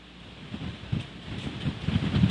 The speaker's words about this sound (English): And as we said, his signal is having some issues in the middle of all of this storm, the rain and the wind.